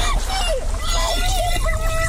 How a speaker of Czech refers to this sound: Autoři pod vodou skutečně natáčeli. Využili třeba takzvaný hydrofon, podvodní mikrofon, který dotváří atmosféru nebezpečí skrytého pod hladinou.